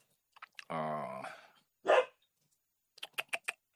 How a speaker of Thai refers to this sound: มันทั้งเสียงคนเสียงสุนัขอะไรวุ่นวายไปหมดอ่ะ